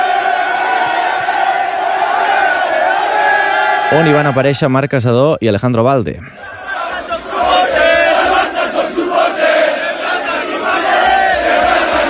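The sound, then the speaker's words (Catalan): Barça football fans celebrating a title in Plaça Catalunya fill the air with dense, roaring crowd noise, broken midway by a burst of loud, wavering chanted shouts, while a reporter talks over the din. “poc després ja, com que la Font de Canaletes estava en obra, la festa, en obres, la festa, els aficionats la van fer a la plaça Catalunya.”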